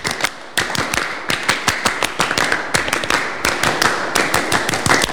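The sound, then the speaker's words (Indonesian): A group of scouts in an RRI radio studio claps out the Pramuka (Indonesian scout) clap pattern twice, sharp crisp claps falling in quick repeated clusters with short pauses, steady and fairly loud throughout, with no voices. “Nah, biar tidak tegang, kita tepuk dulu ya. Dua kali tepuk pramuka.”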